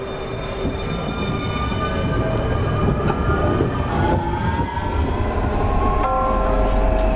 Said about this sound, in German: Ein Herzstück in Bremen, unsere Straßenbahn, genau.